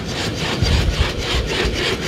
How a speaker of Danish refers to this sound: Og så er det bare det mest creepy robotdyr, der kommer løbende.